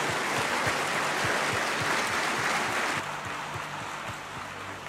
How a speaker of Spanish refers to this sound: Amén. Vamos, aplausos al Rey. Amén.